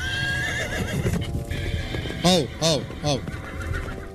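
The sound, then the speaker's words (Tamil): A horse whinnies in a few sharp, rising-and-falling bursts over a steady low rumble and clatter as a prince's chariot sets off, with some voices murmuring underneath. “தோழா, தேரை செலுத்து, புறப்படுவோம்.”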